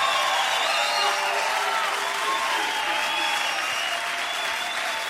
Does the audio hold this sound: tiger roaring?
no